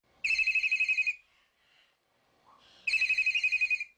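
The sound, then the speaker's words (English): A telephone rings twice with a loud, fast-trilling electronic warble, each ring lasting about a second and separated by a short pause. There's no talking, just the ringing. “The phone's lighting up. Let's see who's on the line.”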